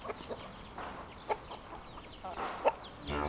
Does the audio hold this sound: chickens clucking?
yes